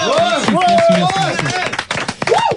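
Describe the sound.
A short burst of clapping from a small group, sharp and close, mixed with voices whooping and talking over it before it quickly dies away.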